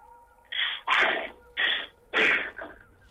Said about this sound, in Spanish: Me dio tanto miedo que empecé a respirar muy fuerte.